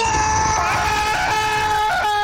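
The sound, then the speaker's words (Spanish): A voice imitates the long, piercing, high-pitched scream of a sick man stepping into an icy cold shower at 5 in the morning, held steadily for about two seconds with a slight waver, loud, with no other talking. “ingresa a la ducha y en la tranquilidad de la madrugada, los vecinos de ese individuo van a escuchar un grito así como...”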